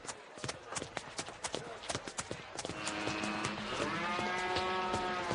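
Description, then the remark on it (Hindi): A buffalo lets out a long, drawn-out low that swells in the second half, following a stretch of sharp clattering steps or knocks. It is fairly loud. “ध्यान से, वहां पर बफेलो है। ओ, भैंस है तो क्या?”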